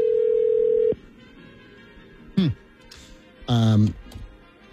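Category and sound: signal or alarm, telephone dial tone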